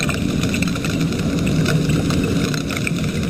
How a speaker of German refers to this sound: So klingen Pistolenkrebse, wenn ganz, ganz viele von ihnen zusammenkommen. Mit dem Sound machen sie ihrem Namen alle Ehre.